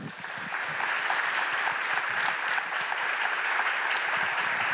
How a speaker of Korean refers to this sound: 자, 이사장님을 뜨거운 박수로 함께 모시도록 하겠습니다.